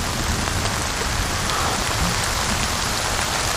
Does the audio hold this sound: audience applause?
no